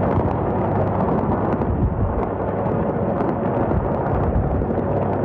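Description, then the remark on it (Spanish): Bombs exploding in the Strait of Hormuz in a loud, unbroken roar, a dense low rumble throughout with repeated sharp bursts cracking through it. No one speaks. “Este es el sonido en el Estrecho de Hormuz, el lugar por el que cruza una cuarta parte del petróleo mundial y en el que vuelven a sonar las bombas.”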